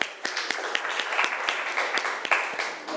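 A burst of applause from a group, with many overlapping claps forming a dense, steady patter and a few sharper individual claps standing out throughout.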